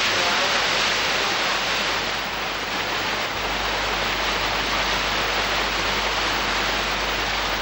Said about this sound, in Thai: ลึกลงไปในหุบเขาของยอดดอยภูรังกาคณะสำรวจได้พบกับธารน้ำเล็กๆอันเป็นที่มาของต้นน้ำคะก่อนจะขยายสายน้ำลงไปตามชั้นหินสู่เบื้องล่าง